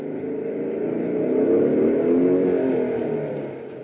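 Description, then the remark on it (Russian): A motorcycle engine drones, its pitch climbing and swelling to a peak midway before easing off slightly as it pulls up to a gate and rolls to a stop, with no voices. “К воротам подъезжает мотоцикл.”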